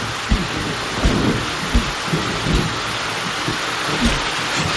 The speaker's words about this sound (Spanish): Madre mía, lo que está cayendo. Qué malo recuerdo me trae esta lluvia.